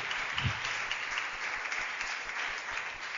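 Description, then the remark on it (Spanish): An audience claps together for the God of heaven in a dense, steady burst of applause that holds an even loudness for about three seconds, with no voices standing out above it. “Oh, dale un fuerte aplauso al Dios de los cielos.”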